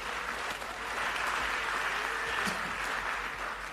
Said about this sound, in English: Clap for Jesus here.